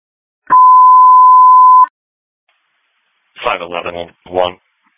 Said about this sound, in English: ringtone.